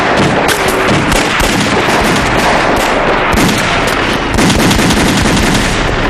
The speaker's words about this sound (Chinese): 听，有枪声。 是啊， 年轻的驼队一定是遇上麻烦了。